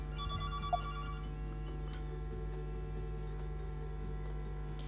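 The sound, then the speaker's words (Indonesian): A telephone on a regular phone line rings briefly at the start with a bright electronic tone, then stops abruptly after about a second, leaving only a steady low electrical hum and faint background noise. “Ini yang di telepon biasa. Mohon maaf beta matikan dulu karena tadi Kak Fabio dulu yang telepon ya.”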